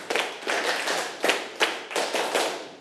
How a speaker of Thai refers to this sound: ถ้าพร้อมแล้วปรบมือ1ครั้งปรบมือ5ครั้งปรบมือ10ครั้ง